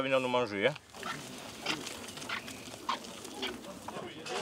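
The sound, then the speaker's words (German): Corsican pigs on a farm grunt and snuffle in short, irregular bursts, following a brief higher-pitched squeal at the start, with a busy background murmur of visitors throughout. “Die coolen Schweine stört der ganze Rummel nicht.”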